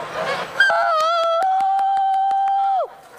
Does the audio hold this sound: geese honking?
yes